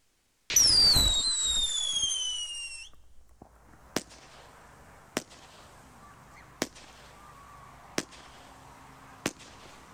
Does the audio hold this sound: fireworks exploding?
yes